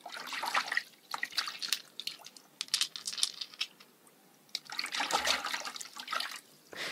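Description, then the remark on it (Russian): Splashy water sounds come in two bursts with a quiet gap, mixed with small clicking rattles, as a hand scoops a handful of clean, clear pebbles out of shallow river water at a riverbank at sunset. “Подошел к воде и зачерпнул целую горсть камушков, чистых, прозрачных.”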